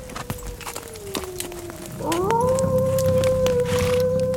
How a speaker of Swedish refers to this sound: Den där vargen är långt borta.